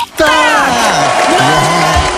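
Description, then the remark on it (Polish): A loud burst of studio audience cheering for a contestant who succeeded in a TV word-guessing game, with overlapping whoops and shouts over a dense wash of noise that carries on without a break for a couple of seconds. “Od nas wielkie brawa, świetnie poszło.”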